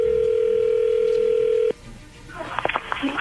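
A telephone call being placed: a steady, loud single-pitch dial tone hums for about a second and a half, cuts off abruptly, then faint line noise gives way to clicks and a voice picking up as the call connects.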